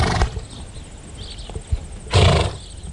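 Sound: horse neighing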